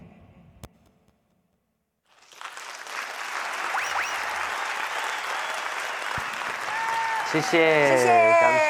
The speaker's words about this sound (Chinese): 谢谢 大家默默的掌声，我们都有收到哦，感恩感恩哈。